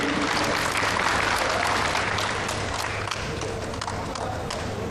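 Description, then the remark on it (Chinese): Sustained audience applause, a dense, steady wash of clapping that holds at an even loudness across the whole stretch, with a low hum underneath and no voices standing out. Applause given in thanks to Mr. Niu Liushuan at the YFU 96 mixed martial arts event. “我们再一次把掌声送给牛刘栓先生，感谢。”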